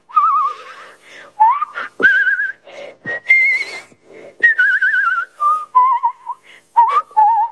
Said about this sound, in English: I like to whistle and I whistle with vibrato. I'm a good whistler.